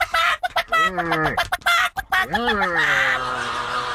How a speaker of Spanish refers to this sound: Las gallinas correteándose como locas.